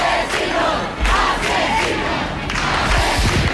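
A crowd of neighbours in a street shouting "asesinos" (murderers) during an eviction at those taking the evicted woman away: a loud, continuous roar of angry voices, with rhythmic surges as they chant, sustained throughout with no single voice standing out.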